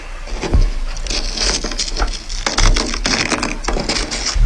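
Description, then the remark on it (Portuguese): A plane-tree leaf frozen onto the ice-crusted roof of a car in Campos do Jordão is peeled off and torn, a steady run of crisp crackling and scraping with a few sharper cracks, and no voices. “E nesse vídeo ele está tirando uma folha que ficou grudada no teto do carro por conta da água ali que congelou e formou aquela crosta de gelo por conta do frio”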